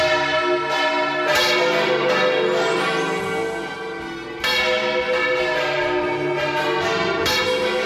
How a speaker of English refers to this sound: What I like about this is that there are four blokes ringing bells here. One on this bell that we can see. Three on the bell opposite. None of them are wearing ear defenders